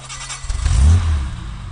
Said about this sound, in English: Of course, I can drive any car along the Basse Corniche of the French Riviera. But for this Brit, I want to add a touch of authenticity and, yes, Anglo pride. So I'm driving a 1960s E-Type Jag.